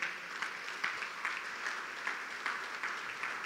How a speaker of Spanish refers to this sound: Den un aplauso al Señor.